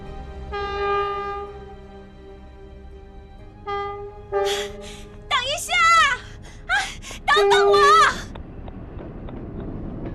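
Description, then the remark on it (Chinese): A train horn blows a long, steady blast, then shorter wavering whistle calls follow over a low rumbling background as a train from Hangzhou bound for Xi'an gets moving. “火车即将出发的那一刻，他突然看见一个蓬头垢面的姑娘背着一个巨大的包袱拼命地奔跑着，追赶着火车。”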